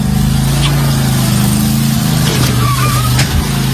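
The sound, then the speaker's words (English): A riding lawnmower engine drones steadily and loudly as it is driven into a Target store in Florida and down its aisles, its low buzzing pitch dropping slightly partway through, with faint higher whines and clatter over the rumble. “got on a riding lawnmower and took it to a Target store and did this.”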